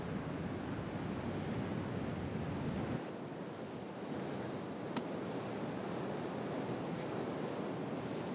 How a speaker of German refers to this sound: Heute versuchen sie ihr Glück in der Brandung des Atlantiks.